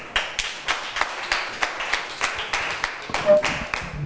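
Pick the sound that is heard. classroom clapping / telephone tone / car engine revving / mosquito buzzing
classroom clapping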